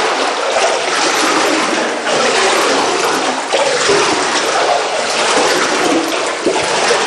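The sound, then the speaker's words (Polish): Loud, continuous rushing and sloshing of water, a dense churning wash with no pauses, as a man wades and splashes through floodwater about 10 centimetres deep or more in a flooded basement with no power. “Bo państwo tego nie widzą, ale może usłyszą, jakbyśmy mogli, pan nam tu zaprezentował, pokazał, bo tu faktycznie prądu nie ma, więc trudno było też zobaczyć, ale państwo mogą usłyszeć, ile tutaj jest wody.”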